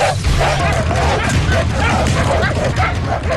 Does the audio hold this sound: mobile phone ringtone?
no